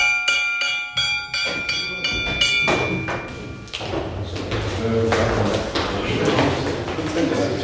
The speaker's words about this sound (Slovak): Zvonte na procedúry.